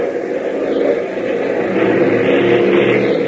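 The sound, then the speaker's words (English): The engine of a primary trainer airplane roars to life out on the runway, a loud, rough, steady drone with a low throb that swells louder about a third of the way in and keeps running. “But even as Tank confides his fear to Gail, the engine of the primary trainer roars into action out on the runway, and Hop sends the small ship rocketing into the air.”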